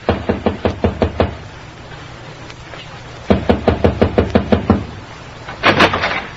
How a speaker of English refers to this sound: This is his room, Mom. Well, knock on the door